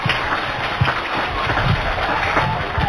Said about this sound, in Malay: Pak, beri tepuk tangan yang paling meriah.